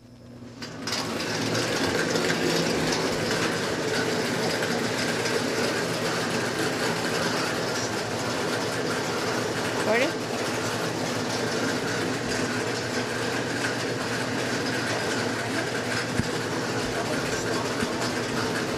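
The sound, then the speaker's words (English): A bingo ball machine is switched on for game number one and runs with a steady, loud mechanical whir and a dense rattling clatter of the balls that holds constant for the whole stretch, with no talking over it. “I'll get the machine turned on here.”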